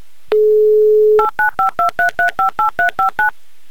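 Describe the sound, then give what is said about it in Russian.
A steady dial tone hums for about a second, then eleven quick, evenly spaced touch-tone beeps as a phone number is keyed in to call a listener in the town of Chusovoy for a Humor FM radio prize game. No voices. “Давайте же позвоним и попробуем сыграть.”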